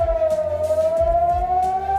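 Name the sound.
air raid sirens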